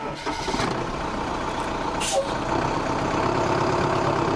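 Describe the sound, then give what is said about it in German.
A bus engine rumbles steadily on a drive to a research station about an hour from Pretoria, South Africa, with a short sharp hiss of air brakes bursting out about halfway through before the low idling drone carries on. “Mit dem Bus geht es zu einer Forschungsstation, gut eine Stunde Fahrzeit von der Hauptstadt Pretoria entfernt.”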